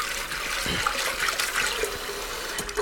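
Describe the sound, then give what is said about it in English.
Steady sloshing and swishing of water as pre-soaked chana dal (split chickpeas) is rinsed by hand in a bowl, with a continuous running-water hiss and no talking. “We're just going to give a rinse to the pre-soaked chana dal to make sure it's all cleared out.”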